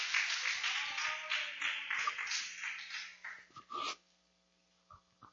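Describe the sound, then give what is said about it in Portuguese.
A church audience claps together in a dense, lively burst of applause for a woman about to sing a hymn, holding for a few seconds, then thinning to a few scattered claps before falling quiet. “Receba a serva de Deus com palmas bem alegres para Jesus.”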